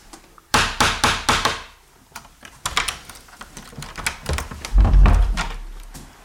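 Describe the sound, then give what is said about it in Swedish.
A small door knocker on the door leading out of a room meant for meditation, contemplation and silence raps several times in quick, sharp bursts, fairly loud, followed by more scattered tapping and a heavier dull thump near the end. No one speaks. “Så innan man går ut genom den här dörren så ska man knacka då via den här lilla dörrknackaren för att man inte ska överrumpla den som sitter där ute.”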